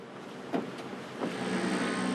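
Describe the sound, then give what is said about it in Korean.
A four-wheel-drive pickup truck engine drones steadily under broad road noise on a rough, unpaved mountain road, with two short clunks and a low hum that grows slightly louder toward the end. No voices. “산이 높고 길이 험해서 사륜구동 트럭을 타고 가야 합니다.”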